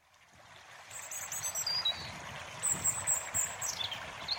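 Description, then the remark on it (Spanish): River water in the Cuenca de la Independencia flows steadily with a broad rushing wash, while several high, clear bird chirps ring out in quick, bright runs over it. “Utilizando recursos sonoros como la música, los sonidos del río”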